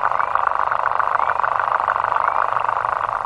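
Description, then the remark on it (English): A synthesized imitation of a lesser water boatman's stridulation, the sound this tiny water bug makes by vibrating its penis underwater at a very fast rate: a dense, steady, high rasping buzz with rapid pulsing chirps, loud and continuous throughout with no voices. “But this one tiny water bug, called in fact the lesser water boatman, makes a sound almost as loud as a whale by vibrating its penis underwater at a very fast rate.”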